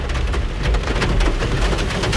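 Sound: rain falling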